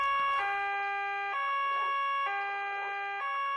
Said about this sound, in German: Weshalb muss er bloß immer die Sirene einschalten, wenn er uns verlässt? Nadine, er ist Polizist.